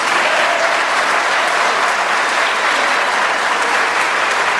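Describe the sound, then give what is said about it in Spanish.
Steady, dense applause from a large audience fills the whole stretch, loud, with no talking over it. “Aplaudan, yo espero.”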